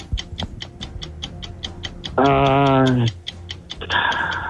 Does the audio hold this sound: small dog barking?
no